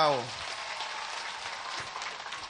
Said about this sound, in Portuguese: Mas antes de se apresentarem, queria pedir para que os nossos líderes, os nossos grupos culturais, o nosso líder que leu a mensagem, nós possamos bater uma grande salva de palmas para eles.